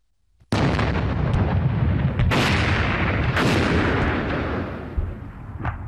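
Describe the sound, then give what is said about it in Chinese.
A sudden loud explosion erupts into a continuous roaring rumble, with further heavy blasts booming out every second or so, powerful, with no voices, as the Yunnan-Burma Railway is blown up on orders from its Midu command post in China. “第二天，曾阳甫来到了滇缅铁路弥渡指挥部，含泪下达了炸路的命令。”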